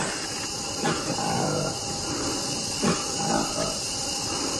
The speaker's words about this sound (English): The Colobus Congoenis, known as the Likweli by locals, has striking pinkish-orange lips, a black face, and lives deep in the Congolese forests. It also has a distinctive call similar to a growl. Take a listen.